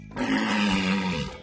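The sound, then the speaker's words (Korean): A single deep, rough call of a tusked walrus of the cold Arctic sea, lasting about a second and a half, loud, with a steady throaty roar that fades off at the end. No one speaks. “너는 바다 코끼리로구나.”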